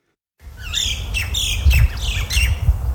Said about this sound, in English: The sound of native birds as they fly over fields as far as the eye can see. These were once Australia's largest gold fields.